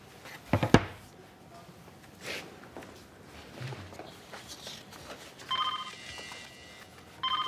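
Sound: mobile phone ringing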